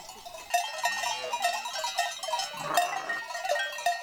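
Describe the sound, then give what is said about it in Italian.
Many bells clank and jingle irregularly from a moving flock of sheep, about 40 in this group, with lambs slowly climbing uphill alongside their mothers, and a few faint bleats rising in the mix, steady. “Qui sono anche i miei, un pochettino di pecore, l'ho marcato in giallo, qua sono 40 e altre, più altre sono più avanti.”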